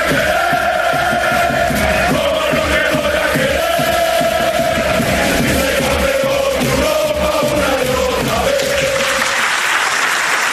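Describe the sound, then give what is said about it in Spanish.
A large crowd in a Madrid hotel auditorium applauds loudly and steadily after a video about the club is shown, before candidate Florentino Pérez takes the floor, with cheers and whistles rising over the dense clapping before it begins to fade at the end. “Hasta aquí el vídeo, más aplausos.”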